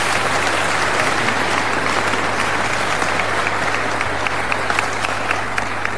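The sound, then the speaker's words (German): A crowd claps steadily for several seconds, applauding Mayor Anton Rupp of Herzogenburg. It is a dense, even wash of many hands with a few sharper claps standing out, and no voices over it. “Ihr Applaus, Herr Bürgermeister.”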